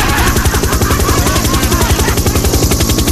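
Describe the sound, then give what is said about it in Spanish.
A helicopter passes overhead, its rotor thumping in a fast, steady rhythm under a broad, loud engine whine that fills the whole stretch without any voices. “pasó el helicóptero y se subió la señora y la niña se quedó en el auto.”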